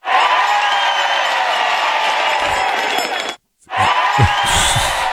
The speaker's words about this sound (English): Two crowd cheers does not count, all right?